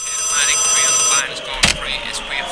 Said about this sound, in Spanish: Hello, ¿quién llama a esta hora? Mira, eres tú, WhatsApp.